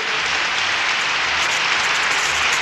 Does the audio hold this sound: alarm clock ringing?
no